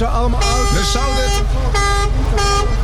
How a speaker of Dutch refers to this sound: Mensen kijken. Toeter, hoor. Iedereen kijkt hier. Ze horen de toeter. Ze horen jullie toeter. Hey. Ja. Ze blijven maar toeteren.